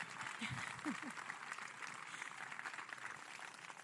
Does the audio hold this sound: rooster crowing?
no